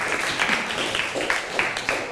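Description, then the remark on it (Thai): A short burst of scattered applause from a group of students in a classroom, given for student number 14, dense irregular claps with a bright, crackly texture that holds steady for a couple of seconds without any talking. “โอเคค่ะขอเสียงปรบมือให้กับเลขที่14ของเราด้วยนั่นเองนะคะ”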